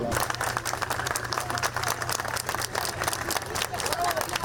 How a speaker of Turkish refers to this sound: Milyonlarca öğrenci TYT oturumunu tamamladı. Alkışlarla karşılandı.